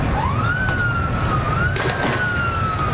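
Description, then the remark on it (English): A police siren wails, rising in pitch and then holding a long, steady high tone with a slight second rise, over a constant wash of loud noise, as police break up a crowd gathered for World Cup celebrations in Buenos Aires, Argentina, on a Sunday night. No one speaks. “The sound of police breaking up a crowd Sunday night.”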